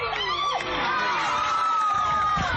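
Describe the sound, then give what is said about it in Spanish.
A dense crowd screams and shouts continuously, many high-pitched voices overlapping into a loud, sustained wall of cheering with rising and falling shrieks throughout. “Se la sacan de tanto grito, escuchen.”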